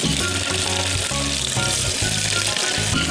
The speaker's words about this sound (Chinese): 对对对，油温呢，我们升到七成热，下入鱼块。